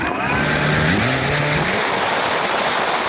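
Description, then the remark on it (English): A military drone buzzes loudly and steadily at the former Soviet military base in Milovice, northeast of Prague, a dense whirring drone whose motor pitch wavers and rises briefly before settling, with no voices over it. “This buzzing is becoming one of the defining sounds of modern warfare.”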